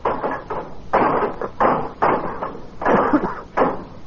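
Levers pry and bang at heavy, locked brass doors in the base of a monument, a loud series of about eight rattling knocks in an uneven rhythm as people try to break down the door, with no voices.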